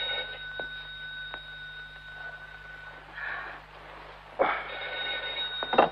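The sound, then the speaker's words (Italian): A telephone rings with a steady electronic tone, swelling in short bursts over a quiet, hissy background. No one speaks while it rings. “Lidia, rispondi al telefono, Lidia.”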